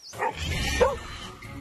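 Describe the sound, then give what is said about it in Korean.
Pungsan dogs bark and yip in a quick, loud burst, with a couple of sharp, higher-pitched yelps standing out against a busy outdoor background. “그래서 우리 강아지들이, 풍산개들이 큰일을 하는 거예요.”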